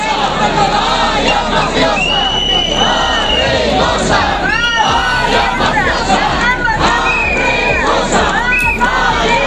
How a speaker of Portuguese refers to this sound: Centos de persoas plantáronse diante do Concello Lugués a golpe de xoves en mediodía para berrar e insultar, como denunciaba a secretaria xeral do PPDG, Paula Prado.